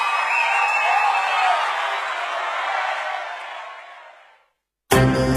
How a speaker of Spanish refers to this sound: Un fuerte aplauso para Kea.